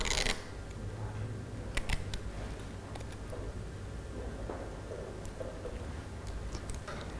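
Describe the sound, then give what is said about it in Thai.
Crinkling and sharp clicks of clear tape being pulled and pressed down onto paper as a teacher tapes chopsticks to the middle of the paper, with brief rustles and taps scattered throughout over a steady low background hum; no one speaks. “การติดไม้ตะเกียบนะคะเด็กคุณครูจะเป็นคนทำให้เด็กๆนะคะคุณครูจะใช้เทปใสในการติดค่ะให้เด็กๆวางไม้ตะเกียบไว้ตรงกลางและติดไม้ตะเกียบกับกระดาษค่ะ”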